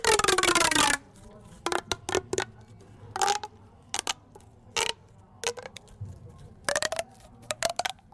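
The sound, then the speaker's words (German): An object with two corners is played to sound like a frog: one long, loud rasping croak, then a dozen or so short, dry scraping clicks in an irregular rhythm, with quiet pauses between them. “ich spiele euch etwas vor, was wie ein Frosch klingt.”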